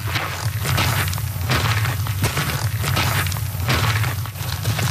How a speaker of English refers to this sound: The sound of boots on a trail, something our next guests are very familiar with. They are walking across the country.